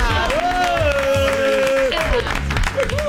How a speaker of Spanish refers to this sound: Yo tiro nombre y ustedes aplauden, Cristian Riquelme.